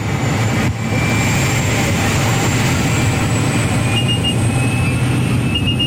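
Loud, steady engine roar inside a tiny airplane cabin crammed with about ten people in colourful full-body suits, a dense low rumble with high whining tones running continuously throughout, unrelenting; so loud one can hardly hear one's own words.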